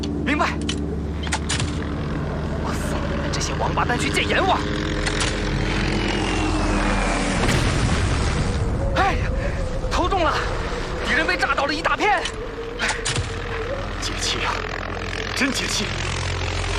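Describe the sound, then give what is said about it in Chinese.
A Red Army propeller airplane carrying bombs drones steadily and loudly in flight over Kuomintang-held territory, its low humming roar continuous while people speak over it; the engine tone shifts and roughens partway through. “下面有好多国民党兵朝我们招手，他们还以为是自己的飞机呢。”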